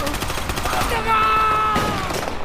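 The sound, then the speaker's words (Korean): Gunfire in a gunfight with North Korean soldiers in an alley: rapid bursts crack out in quick succession, loud and sharp, followed by a sustained tonal cry or shout over continued shots before the firing resumes in scattered bursts. “장학수와 송상득이 골목에서 나타난 인민군과 총격전을 벌이는데 송상득이 등에 총을 맞는다.”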